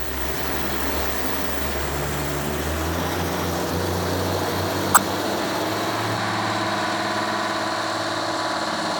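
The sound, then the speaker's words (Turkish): A car engine with a freshly rebuilt cylinder, started and given some throttle, drones steadily with a low, rumbling tone, its pitch shifting slightly as the revs change, and a sharp click cuts through midway. “Bu araba harika ses çıkarıyor.”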